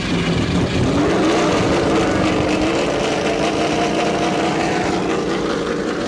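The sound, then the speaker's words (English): Loud race car engines restart at the Indianapolis Motor Speedway and rev continuously, their pitch climbing as the cars pull away together under a yellow flag in a dense, unbroken rumble. “As the race car pulls out, remember that these laps under yellow will count.”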